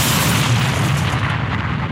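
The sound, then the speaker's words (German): A voice mimics an explosion, with dentures set crooked in the mouth, producing a loud, sustained rumbling burst of breathy noise with a deep low-end boom that holds steady for about two seconds. “Klingt doch wie eine echte Explosion, oder ne?”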